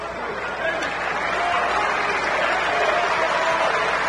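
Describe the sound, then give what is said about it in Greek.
A basketball crowd applauds steadily as player Peters is substituted out and Larentzakis comes back in. The clapping is dense and even, swells slightly after the first half-second and holds at a loud, constant level, with a faint murmur of voices mixed in. “Ο Πίτερς τώρα θα πάρει το χειροκρότημα και θα ξαναμπεί ο Λαρετζάκης.”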